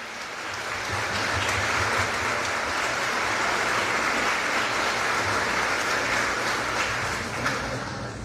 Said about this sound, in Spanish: Le damos un fuerte aplauso a Kenneth.